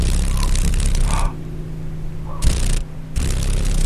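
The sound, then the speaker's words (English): Rapid, buzzing wing vibration from a female paddle-tailed darner dragonfly in Alaska, coming in three loud, rustling bursts over a low steady hum, with brief quieter gaps between them. No one speaks. “Can you hear the vibration? Those wings are there we go. Vibrating pretty rapidly.”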